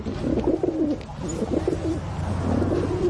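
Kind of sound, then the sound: bird, pigeons cooing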